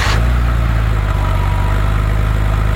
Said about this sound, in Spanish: Ese auto, auto con potencia. Ese, ese auto partiendo.